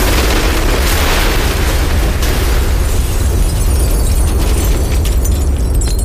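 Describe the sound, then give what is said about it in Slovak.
A powerful explosive blast from four packages of Astrolit explosive, placed under the Hero of Sokolovo statue to blow it up on the night of 17 to 18 March 1954, erupts into a dense, sustained roar of low rumble and crackling debris, its bright hiss thinning after a couple of seconds while the deep rumble stays loud. “Hrdinu zo Sokolova sme parádne odpálili.”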